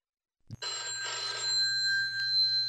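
A telephone bell rings continuously after a brief click, bright and sustained with a steady low hum beneath, fairly loud with no voices.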